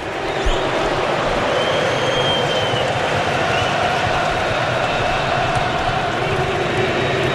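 Moroccan fans, the minority in the stadium, chant together in Houston while play is stopped during a quarterfinal football match against Canada: a loud, steady roar of many voices that holds without a break for several seconds, with no single voice standing out.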